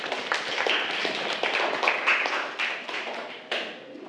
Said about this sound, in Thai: ถูกต้องครับนักเรียนปรบมือเลยครับ